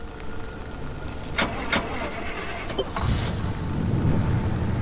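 A couple of sharp clunks, then a station wagon's engine, in a garage, turns over and settles into a steady low rumble, with no talking.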